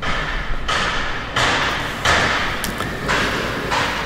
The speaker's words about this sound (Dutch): Aanhoudend geluid van verbouwingswerken, geklop en geboor